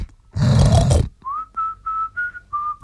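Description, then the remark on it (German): A loud, rough grunt from a pig in a pigsty on a small home farm, lasting under a second, followed by five short, steady, mid-pitched whistling tones repeating in an even rhythm. “Schauen wir also kurz in den Schweinestall, um zu sehen, ob Zarkowski recht hat.”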